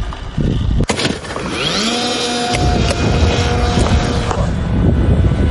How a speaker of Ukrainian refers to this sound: А починається все у чистому полі. Група аеророзвідки зі спеціальної катапульти запускає ось цього дрона.